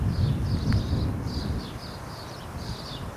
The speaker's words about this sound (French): La clameur du vent, la splendeur de la garrigue sauvage.